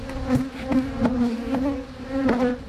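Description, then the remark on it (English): Bees buzzing in a steady, slightly wavering drone, with a few soft ticks scattered through it and no voices. “In just a moment, you're going to hear how bees could soon help revolutionise the human healing process.”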